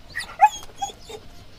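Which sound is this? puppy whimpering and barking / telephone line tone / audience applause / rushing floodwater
puppy whimpering and barking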